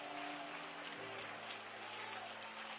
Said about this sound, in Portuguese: Palmas e glória a Deus, igreja!